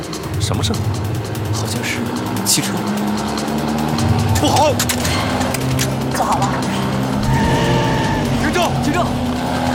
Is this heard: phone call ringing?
no